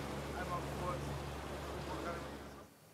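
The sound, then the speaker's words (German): A rescue boat's motor drones steadily as it heads out, its low hum mixed with wind and rushing water noise, holding constant for about two and a half seconds before cutting away. “meine Truppe gleich informieren, dass sie noch mal vielleicht jetzt aber mit dem Boot dahin fahren.”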